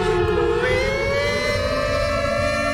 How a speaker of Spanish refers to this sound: Déjenla pasar a esa ambulancia, por favor.